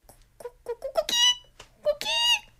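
A rooster crows twice, each crow opening with a few short clucking notes before breaking into a long, loud, shrill and strained call, with no talking over it.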